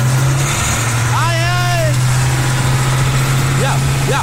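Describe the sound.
A well-tuned truck engine is revved hard and holds a loud, steady low drone throughout, while a voice speaks briefly over it partway through and again near the end.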